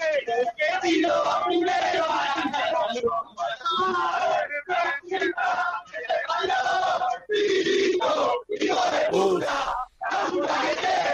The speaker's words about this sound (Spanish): escuchá a la gente de Racing que ingresó al playón, está en el cilindro, escuchá.